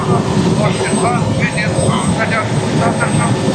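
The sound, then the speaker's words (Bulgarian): A Bulgarian army helicopter roars steadily and loudly overhead as it approaches a forest fire 7 km south of Katunitsa, its dense engine and rotor noise filling the scene without pause, while a voice is faintly audible beneath it. “Хеликоптера се доближава до пожара.”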